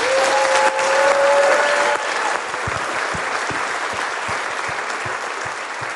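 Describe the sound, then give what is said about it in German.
An audience at the Jugend 2000 Catholic Summer Festival at the Marienfried prayer site in Pfaffenhofen an der Roth breaks into sustained applause after a young participant's testimony, dense steady clapping from many hands filling the whole stretch, loud and continuous, with a brief tonal whistle or cheer early on and no talking. “Ich würde sagen, die hat sich einen fetten Applaus verdient, oder?”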